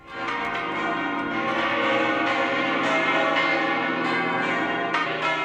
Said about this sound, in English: The bells of the Almudena Cathedral in Madrid ring out to welcome Pope Leo on his trip to Spain.